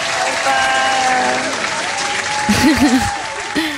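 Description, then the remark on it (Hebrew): Steady applause from an audience fills the whole stretch, a dense wash of clapping with cheers, and a voice briefly calls out near the end over the clapping. “כפיים כל הדרך.”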